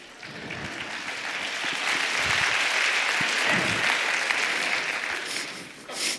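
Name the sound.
audience clapping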